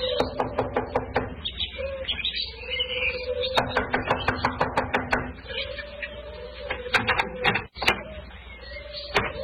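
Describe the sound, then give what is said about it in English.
Several bursts of quick, sharp knocks on a door, with short pauses between sets, ringing out over a steady low droning tone in the background. “I'll knock on the door.”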